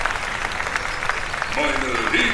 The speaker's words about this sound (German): Wir kommen nun zum feierlichen Höhepunkt unseres gelungenen Stadtfestes. Begrüßen Sie mit mir und mit einem donnernden Applaus den Bürgermeister!